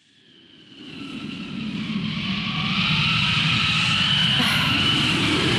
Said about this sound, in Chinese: 又刮大风了，这今天咋了？大风天气这么多。